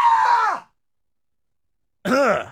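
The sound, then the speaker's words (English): A man imitates a frightened scream into a live stream camera: a loud, strained cry sliding downward in pitch, then after a short silence a second shaky, wavering yelp, alone without talk. “I'm a hardcore shock jock radio bad boy who just screamed like a little girl into the live stream camera.”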